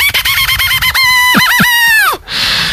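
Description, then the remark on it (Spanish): A twig whistle, a branch set into a stick that vibrates when blown, is blown to mimic a rooster's crow: a quick series of reedy, buzzing toots, then longer wavering, warbling notes that bend downward, ending in a breathy rush of air. “es un juego súper simple en el que se mete una rama entre un palo y luego tú soplas y esta rama vibra.”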